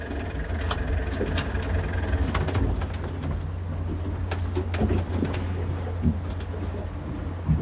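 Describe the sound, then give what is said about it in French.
A boat engine runs steadily with a deep, continuous low drone, fairly loud, with scattered clanks and rattling knocks over it throughout. No one speaks. “Vous voulez qu'on stoppe le moteur, là?”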